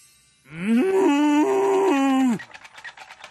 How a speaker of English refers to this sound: Ooh! Moo!